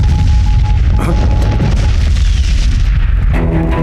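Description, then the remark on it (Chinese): Loud, continuous rumbling booms of howitzer and field gun shell explosions, guns said to belong only to the Japanese army's main force, deep and overlapping, with a sharper burst about a second in. No one speaks. “这是榴弹炮和野战炮的爆炸声响，只有日军的主力部队才有，这是怎么回事？”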